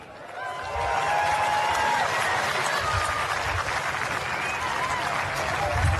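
A smattering of applause rises within the first second and keeps up steadily for about five seconds, a dense patter of clapping with faint crowd murmur and scattered vocal sounds underneath.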